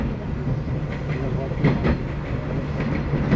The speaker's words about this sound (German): Das ist schön mit diesem Klick, Klack, Klick, Klack. Wie zu DDR-Zeiten in den Zügen so.